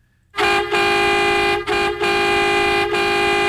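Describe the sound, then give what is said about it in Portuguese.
A loud vehicle horn honks in long, sustained blasts, broken by a few brief gaps into several back-to-back toots with a brassy, harmonic tone. No one speaks. “Tem gente buzinando lá.”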